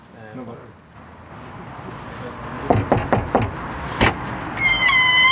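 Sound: front door being opened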